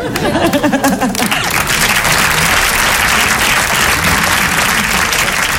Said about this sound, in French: Vous savez le courage qu'il faut, l'audace que vous avez, messieurs. Applaudissez-vous, messieurs, allez-y. Allez-y.